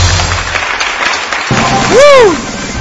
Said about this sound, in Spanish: Ahora sí, fuerte el aplauso para ella. Tenemos aquí a la ganadora.